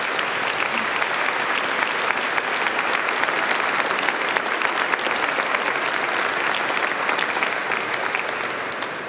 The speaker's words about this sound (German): Großen Applaus.